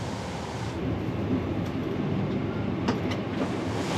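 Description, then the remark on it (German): A vehicle powers at full throttle through a 1.20-metre-deep water trench, a steady, heavy roar of engine and churning splash lasting the whole time, with a couple of sharper surges near the end and no voices. “Und zum Abschluss nochmal mit Volldampf durch den 1,20 Meter tiefen Wassergraben.”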